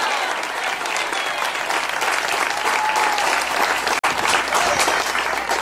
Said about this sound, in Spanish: Pero fuerte ese aplauso si es para él.